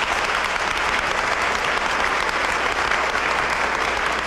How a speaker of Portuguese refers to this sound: Gostaram? Sim. Ele merece uma salva de palmas, né?